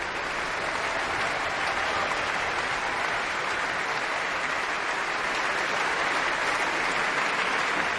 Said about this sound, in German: Während hier noch weiter applaudiert wird für das Orchester, die einzelnen Instrumentalgruppen, darf ich mich nach diesem programmatisch starken Abend in der Berliner Philharmonie verabschieden für heute.